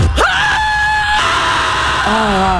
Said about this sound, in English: Or scream at the top of your lungs and call it healing.